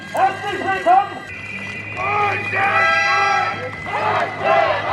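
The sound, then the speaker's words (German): A crowd of hundreds of VW workers shouts and chants in loud, rising bursts in front of the gate of the VW plant in Zwickau, Germany, protesting the company's cost-cutting plans with trill whistles and banners; a sustained shrill whistle tone cuts through the middle of the noise for a couple of seconds. “Mit Trillerpfeifen und Transparenten protestieren sie gegen die Sparpläne der Konzernspitze.”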